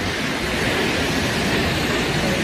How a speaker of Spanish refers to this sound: Son 222 metros de caída en un circo de piedra fabuloso. El sitio en sí ya es espectacular, pero claro, si ves caer esa cola de caballo, esa cola de agua, pues más todavía. Bueno, es que mira cómo suena.